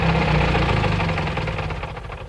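A chauffeur-driven car's engine rumbles steadily with a low, knocking idle as it drives through the streets of Smíchov, then eases off and quiets slightly as the car comes to a stop in front of a junk shop. No one speaks.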